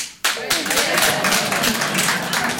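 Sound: audience applause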